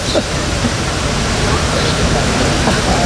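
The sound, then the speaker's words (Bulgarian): Water pours steadily from a public drinking fountain in Sofia, Bulgaria, as a boy fills a bottle, a loud, unbroken rush of splashing that never lets up, with faint voices murmuring behind it. “Водата в градските чешми на София носи прохлада както за жителите на града, така и за туристите.”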